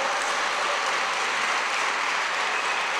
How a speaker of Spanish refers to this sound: Ahora sí, hermano, dese un aplauso.